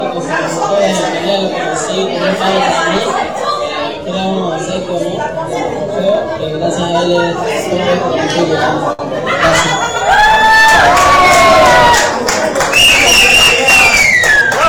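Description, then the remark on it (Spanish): A crowd at a mini rally award ceremony with close to 50 competing drivers murmurs and chatters for several seconds, then erupts into loud cheering with excited shouts and high-pitched whoops rising over the din. “Muy bien, de esa manera entonces se desarrollaba el acto de premiación con la participación de muchos pilotos, cerca a 50 competidores”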